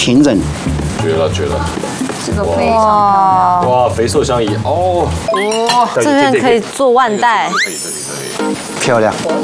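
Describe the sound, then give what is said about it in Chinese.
A knife slices meat into pieces on a wooden cutting board, with light scraping and clinks of the blade against the wood, mostly buried under several people chatting loudly. “已经学会了，要切，你不要想要切一整片。”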